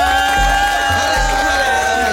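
An audience cheers and shouts for a rapper being introduced, in a loud, continuous wash of noise lasting about two seconds, with a steady sustained tone and low thumping underneath.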